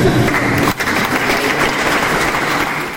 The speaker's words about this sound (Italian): Applauso, applauso e siamo qua ancora.